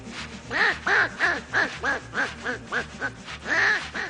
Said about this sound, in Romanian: Trenulețul e grozav, dar are un claxon să jur că-i rață.